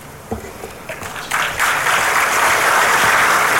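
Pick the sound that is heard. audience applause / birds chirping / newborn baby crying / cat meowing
audience applause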